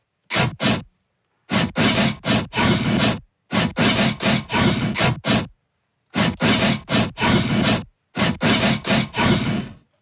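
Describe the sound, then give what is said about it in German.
A newly replaced, less rusty saw blade rasps back and forth in quick, rhythmic strokes, grouped into bursts with short pauses between them. It's loud, with no voices. “Und wir haben im Vergleich zu gestern unser Sägeblatt ausgetauscht. Das ist jetzt nicht mehr ganz so rostig und klingt nach, ja, nach welchem Song denn?”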